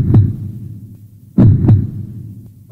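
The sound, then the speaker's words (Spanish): A loud human heartbeat thumps out low lub-dub pulses, with a double beat in the middle and another starting at the end, alone with no voices. “Es el sonido de tu corazón.”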